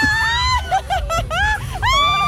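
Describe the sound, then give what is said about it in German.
A female reporter screams on a wild fairground ride, the Taumler, in the amusement park in front of Burg Alzenau, long high-pitched wails broken by a few shorter yelps, loud and sustained, with a rumble of ride noise and crowd underneath. “So hört sich's an, wenn sie irgendwas Wildes fährt.”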